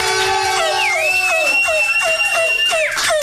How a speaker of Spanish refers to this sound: en este programa, un aplauso. Por favor.